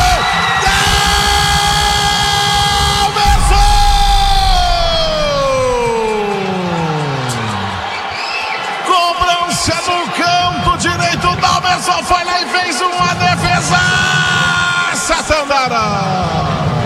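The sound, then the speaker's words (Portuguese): A stadium crowd of home fans roars loudly behind the goal at Estádio Onésio Brasileiro Alvarenga after goalkeeper Dalberson saves a penalty kick taken by Fernando Viana, cheering and shouting continuously. Early on, a long sustained cry slides downward in pitch, and a dense roar carries on to the end. “Grande defesa do goleiro Dalberson, levantou a torcida colorada aqui atrás do gol do Estádio Onésio Brasileiro Alvarenga.”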